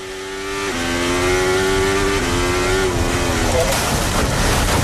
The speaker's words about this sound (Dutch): Vanuit de auto van Charles Leclerc. Het moment dat hij eraf gaat.